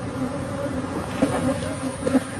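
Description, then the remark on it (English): A dense swarm of honeybees buzzes continuously, a steady droning hum with wavering pitch and a few louder passes as bees fly by; 24 million honeybees released in a Texas neighborhood after an 18-wheeler truck spilled them, rupturing 406 hives. “This is the truck, and then all the bees, the sound of it.”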